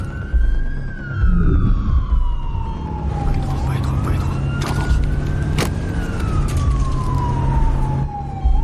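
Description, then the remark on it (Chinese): A loud siren of a red-and-white ambulance wails continuously, its pitch sweeping slowly up and down in long rising and falling cycles, with engine rumble and road noise underneath; the siren is switched on with a red button on the central console. “警报！警报！警报！怎么开？”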